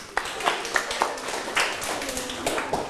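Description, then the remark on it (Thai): Groups in a class clap after giving a correct answer: a scattered run of sharp, irregular hand claps over a steady, muffled wash, moderately loud, with no clear voices. “คำตอบคือพรรณนาโวหารถูกต้องครับเห็นไหมว่าไม่ยากปรบมือสิครับ”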